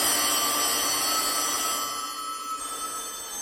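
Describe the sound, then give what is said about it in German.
A dense, jangling wash of many antique collector's telephones in Jens Müller's collection all ringing at once, loud and continuous, easing slightly in the second half without any pause or voices. “Manchmal, wenn Besuch da ist, lässt er deshalb alle Sammlerstücke gleichzeitig läuten.”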